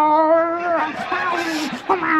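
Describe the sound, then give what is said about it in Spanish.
A voice imitates a rabid cat, one bitten by a dog, growling under a bed: a loud, strained vocal snarl with wavering pitch, rising and breaking into harsher bursts over about two seconds. “Dice, no, debajo de la cama no, que hay el gato que la mordió el perro y también está rabioso. Y se oye debajo de la cama.”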